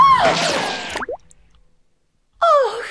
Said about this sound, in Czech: Kule projela násilníkovou hlavou až bluňkla do řeky.